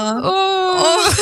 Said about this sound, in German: Jetzt muss ich weinen, scheiße. Oh. Entschuldigung.